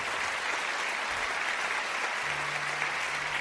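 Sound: audience applauding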